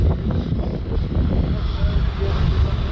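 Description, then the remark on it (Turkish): A firefighting aircraft's engine drones steadily overhead while fighting a forest fire from the air in Kocaeli, Turkey, a loud, continuous low rumble that holds for the whole few seconds, with indistinct voices faintly mixed underneath. “Yangına helikopter ve uçaklarla havadan yoğun müdahale edildi.”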